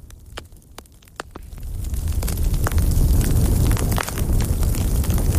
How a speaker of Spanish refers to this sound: pero nos queda esta chimenea tan sugerente.